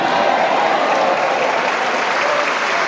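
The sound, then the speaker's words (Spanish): An audience applauds loudly and steadily, a dense wash of clapping that stays strong and even for the full three seconds with no voices breaking through. “Dale ese aplauso bien fuerte.”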